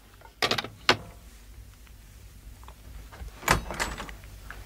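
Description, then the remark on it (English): Sharp knocking on a hotel room door at the Prince Regent comes in two short bursts separated by a few seconds of quiet, fairly loud, with no voices. “I'd no sooner picked up the phone when there was a knock at the door.”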